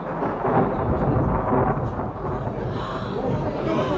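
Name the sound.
thunder rumbling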